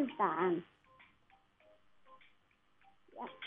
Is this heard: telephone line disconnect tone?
yes